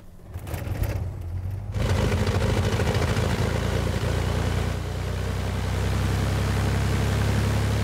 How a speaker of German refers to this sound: Vater Andreas fährt mit dem Auto vor.